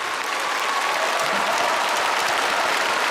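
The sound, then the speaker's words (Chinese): A large audience at an awards ceremony claps steadily and loudly for all the nominees for the outstanding actor award, a dense, continuous wash of applause that fills the whole stretch without pause and with no voices rising above it. “我觉得不能厚此薄彼，优秀男演员奖的提名奖已经揭晓，也同样让我们现场响起热情的掌声，为所有提名的优秀男演员们鼓掌。”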